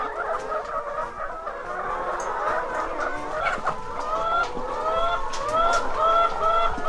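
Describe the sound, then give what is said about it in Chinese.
A flock of ISA-breed red-shelled laying hens clucks continuously, overlapping mid-pitched calls and short squawks forming a busy, steady chatter that grows slightly louder toward the end, with no talking. “因为鸡这种禽类吼，它有爪子，有这爪子，它会自己抓住这个牙管，吼这个铁管。”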